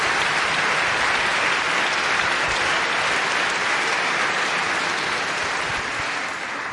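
Sustained audience applause fills the room, a dense steady patter of many hands clapping at an even loudness for several seconds before easing slightly at the end.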